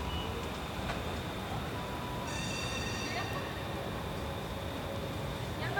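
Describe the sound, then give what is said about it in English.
A steady, loud rumble of a train fills the whole recording, with a high electronic beeping tone layered in partway through and faint voices murmuring underneath. “A lot of noise is the train.”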